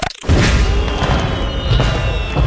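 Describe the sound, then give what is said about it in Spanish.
Fireworks boom continuously after a brief pause, a dense, rumbling barrage of deep blasts and crackle that stays loud for the rest of the moment, with no voices over it. “Ay, fuegos artificiales.”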